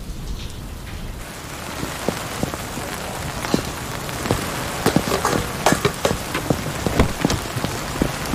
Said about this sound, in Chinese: 这下着雨还专门送一趟饭呢，你说。 下雨。